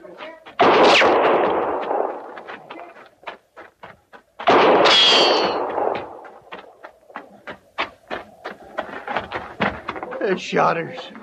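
Gunshots fired at a horse: two loud, booming blasts with long rumbling tails, a few seconds apart, followed by a rapid, irregular scatter of sharper shots cracking one after another.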